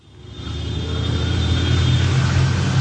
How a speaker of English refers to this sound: Perhaps the biggest challenge facing fans with tickets to the opening match will be simply getting there. Mexico City's traffic is notoriously bad, and in the current climate of anti-World Cup protests, some are worried they might not get in.